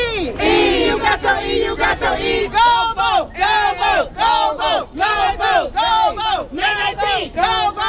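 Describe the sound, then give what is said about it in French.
A large crowd gathered in downtown Selma chants loudly in unison, first a sustained collective shout, then a steady rhythmic chant of short repeated phrases that rise and fall in a regular beat. “Une foule se rassemble au centre-ville de Selma.”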